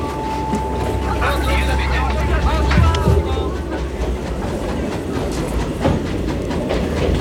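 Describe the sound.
A train bound for Lyon rolls steadily along the rails, a continuous low rumble with clickety-clack wheel noise throughout and a thin high tone ringing briefly at the start, with indistinct voices murmuring underneath.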